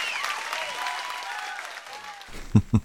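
A crowd of fans applauds steadily with a dense clatter of clapping and a few high whistles, then the applause cuts off and a man starts speaking.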